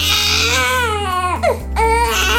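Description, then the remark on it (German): A baby cries loudly and continuously, its wailing rising and falling in drawn-out, strained bursts with a brief catch of breath in the middle. “Oh, ein Baby weint.”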